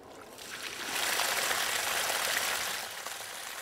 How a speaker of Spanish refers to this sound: Estoy echando agua en la piscina y esto hace que las hojas, las ramas y los palos se muevan. ¿Puedes verlo? Las hojas y todo se están moviendo. La dirección en la que la manguera apunta es a donde todo va y la corriente va alrededor.